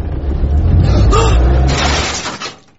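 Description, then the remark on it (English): A car engine rumbles as the vehicle creeps slowly into a tight carport, with a rough, noisy scrape-like burst of a crash toward the end before it settles and fades. “I'll just park us up. Can you get in there? If I can get into Pam's carport, I can do this.”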